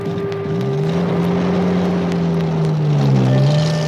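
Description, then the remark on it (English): An Indian Army Jeep, driven by a soldier for an officer, drones loudly, its low hum steady throughout, rising in pitch early on as it pulls away and dipping briefly near the end. No voices. “Since he was an officer, he had a special car called a Jeep.”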